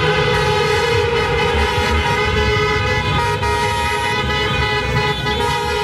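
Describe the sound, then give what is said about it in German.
Many car horns honk continuously and loudly, overlapping into a dense, sustained blare over rumbling traffic from celebratory motorcades at the Westerntor crossroads in Paderborn, Germany, around midnight, as fans celebrate SC Paderborn's promotion to the football Bundesliga. “Autokorsos und Fans, die mitten auf der Kreuzung teilweise sogar auf Ampelmasten gefeiert haben.”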